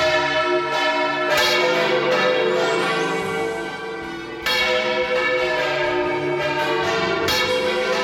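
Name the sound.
large church bells ringing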